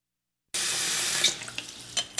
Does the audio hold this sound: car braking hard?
no